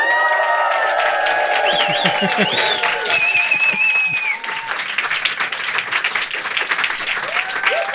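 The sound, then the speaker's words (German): A live crowd bursts into sustained applause, dense clapping mixed with loud cheers and whoops that rise and hold steady for several seconds, filling the room close and energetic. “Es ist die allererste Folge vor Publikum.”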